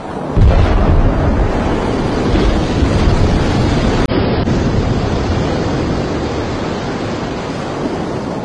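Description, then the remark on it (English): A massive thermonuclear bomb explosion, the U.S. military's Castle Bravo test of March 1, 1954, the largest nuclear test in U.S. history, rumbles almost at once into a deep, loud, continuous roar that churns steadily for several seconds, easing only slightly toward the end. No voices are heard. “This thermonuclear explosion was the largest nuclear test in U.S. history.”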